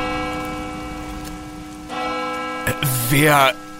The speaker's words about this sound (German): Wer läutet denn jetzt die Kirchenglocke?